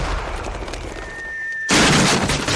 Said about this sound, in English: Nah, this'll work. He's firing his recent furniture purchase from the cannon to his house.